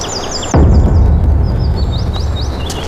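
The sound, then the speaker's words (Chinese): A sudden distant boom opens into a low, rolling rumble of far-off gunfire from an exchange of fire, with faint scattered reports continuing while birds chirp steadily in the foreground. “坏了，肯定是交火了。”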